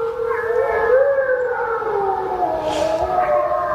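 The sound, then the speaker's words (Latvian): Several wolves in Latvia, from a recording shared by Latvian State Forests (Latvijas valsts meži), howl together in a steady, overlapping chorus. Their long mid-pitched tones slide slowly up and down and blend into one another, continuous and fairly loud with no speech. “Tie ir vilki.”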